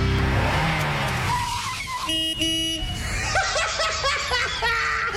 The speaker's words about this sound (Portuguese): Fuca! Ó, se parar, eu não vou empurrar esse balaio virado. Olha a fumaceira que tá esse carro.